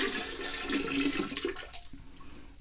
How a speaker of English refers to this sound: We're going to duck into the bathroom here. We're going to pick up the kitty water bowl, pour it out.